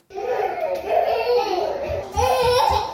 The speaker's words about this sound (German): Zwei Kleinkinder laufen durch den klimatisierten Raum im Keller des Rathauses im 18. Arrondissement von Paris. Draußen sind es über 35 Grad, drinnen mindestens 10 Grad weniger.